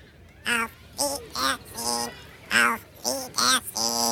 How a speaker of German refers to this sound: jetzt hat er Ihnen den Gefallen getan und hat was geredet. Auch wenn der Papagei Lore heißt